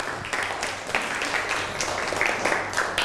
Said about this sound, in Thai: นั่งลงได้ปรบมือให้กับเพื่อนหน่อยครับ